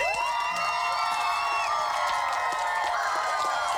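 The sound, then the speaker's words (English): A quiz show audience cheers and claps steadily for the returning contestants, with high whoops and shouts rising over a dense wash of applause that stays loud for a few seconds. “just big round of applause for them.”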